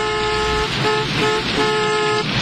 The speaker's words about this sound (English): Why are they all honking? Because you're doing it wrong.